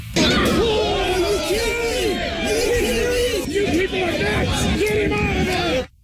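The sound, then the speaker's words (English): A crowd at a youth baseball game yelling angrily, such as "get him out of there", after a 12-year-old pitcher threw a baseball into the opposing team's dugout at his coach's direction; many raised voices overlap in a loud, continuous clamor for about six seconds before cutting off suddenly. “Those are some of the people yelling, get him out of there, getting pissed off when they saw it happen.”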